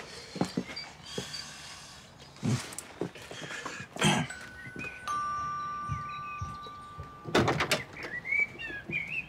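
doorbell ringing

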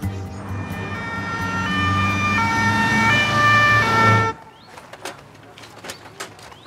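ambulance siren approaching

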